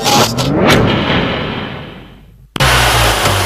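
A car engine, after work at the Thanopoulos Service garage, revs loudly and accelerates, its rising whine sweeping upward before fading, then cuts out abruptly and returns at a steady, loud roar. No voices are heard.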